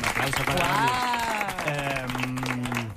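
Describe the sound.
A studio audience applauds steadily, a dense wash of clapping that holds for the whole stretch while a loud voice rings out over it.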